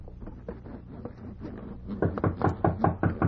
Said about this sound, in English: Hark, someone knocks.